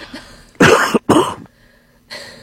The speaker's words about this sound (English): No, that was a fake cough.